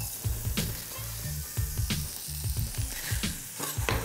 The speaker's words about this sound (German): So, wir haben jetzt hier unsere Schalotten in ein bisschen Butter angeschwitzt.